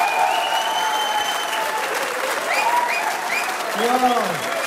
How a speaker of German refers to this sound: Ja, ein würdiger Applaus für unsere Guttauer Stummhocker